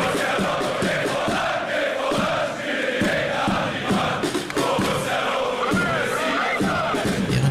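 A packed football stadium crowd at the Arena auf Schalke in Gelsenkirchen during the Dortmund–Schalke derby roars continuously, thousands of fans' voices blending into a loud, dense wall of chanting, singing and shouting that swells and surges without pause.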